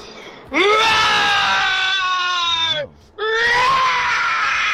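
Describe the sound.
A person from Pretoria imitates a lion's roar in two long, strained, harmonic bellows, the first held for over two seconds, the second cut off at the end, with a short gasp between.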